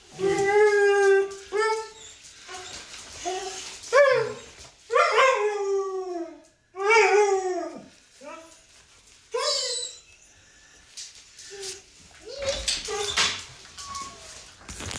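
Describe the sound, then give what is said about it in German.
A dog named Paula howls and whimpers excitedly in a run of wavering, high-pitched cries that rise and fall, broken by short pauses, with a few brief yips between the longer wails. “Und diese Prozedur läuft eigentlich jeden Tag, die freut sich immer so, die Paula.”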